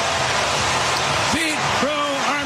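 A baseball stadium crowd roars in a steady, dense wash of cheering after a 435-foot leadoff home run in the first inning against the Reds, with a few louder rising shouts and whoops cutting through in the second half.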